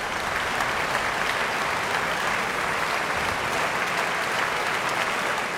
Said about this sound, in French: Et l'on retrouve encore quelques instants les applaudissements du public de Bâle.